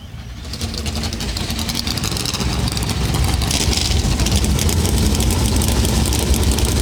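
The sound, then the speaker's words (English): Race car engines of a field of 38 cars at Darlington Raceway, South Carolina, for the Cookout Southern 500 roar to life within the first second, then settle into a loud, dense, continuous rumble of many engines idling together, steady with no voices. “Darlington Raceway, here to fire engines with the most famous words in motorsports.”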